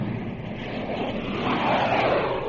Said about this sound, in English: Hear those jet planes? Now you see them.